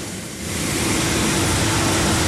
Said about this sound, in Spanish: Se oye muy gacho aquí. Se oye muy feo, perdón. Se oye muy feo la lluvia con la lámina.